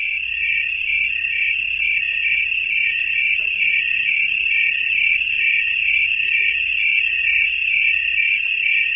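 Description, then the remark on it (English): A steady, high-pitched trill of tree crickets, made by rubbing a series of ridges on one wing against a scraper on the other wing, rings without pause, a continuous shrill buzz with a faint pulsing texture, fairly loud over a low background hum, with no voices. “They make the sound that you're hearing by rubbing a series of ridges on one wing against a scraper on the other wing, something like the sound you'd make by running your finger across the teeth of a comb.”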